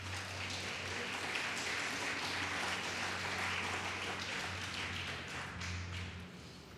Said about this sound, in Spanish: aplauso a Cristo.